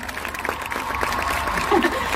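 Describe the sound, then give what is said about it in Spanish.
Steady, dense applause from a show audience for the performer's team and musicians, a continuous wash of many hands clapping at a fairly loud, even level with a faint tonal hum beneath it. “Quiero también pedir un fuerte aplauso para todo mi equipo que hace este show hermoso posible.”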